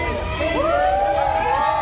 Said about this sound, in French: Jusqu'au balcon des immeubles voisins, la foule l'acclame.